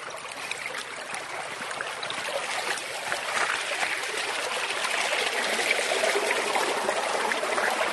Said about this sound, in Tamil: பா இங்க பாருங்க, தண்ணி எவ்வளோ வேகமா போயிட்டு இருக்கு.